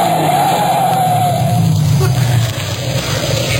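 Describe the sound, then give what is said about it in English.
A cab's engine rumbles loudly on a highway through marshes as a steady brake squeal whines over it and fades out after a moment, leaving the vehicle idling and settling to a stop. “Stop the cab”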